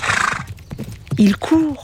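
A horse gallops: a quick run of hoofbeats, then two loud, shrill neighs near the end, each with a rising-and-falling whinny.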